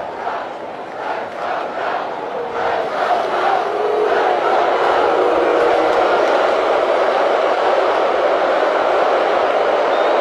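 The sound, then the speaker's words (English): A large stadium crowd of Oregon Ducks fans roars and cheers at a college football game, a dense, sustained wall of noise that swells after the first few seconds and stays loud throughout, with no individual voices standing out. “Duck fans trying to make some noise.”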